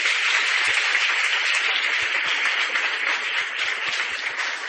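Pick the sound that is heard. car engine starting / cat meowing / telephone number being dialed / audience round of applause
audience round of applause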